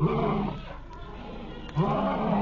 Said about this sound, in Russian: Вот это... уже страшно. Я и говорю, лев, это страшно.